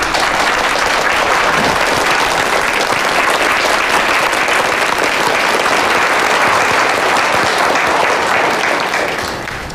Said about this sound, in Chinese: 大家鼓掌欢迎季总。